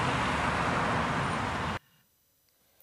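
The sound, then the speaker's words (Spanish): Loud, dense roar of frenetic street traffic in Buenos Aires, a steady wash of engine and road noise that cuts off abruptly after under two seconds, leaving near silence. “en medio del frenético tráfico porteño, gracias por estas informaciones.”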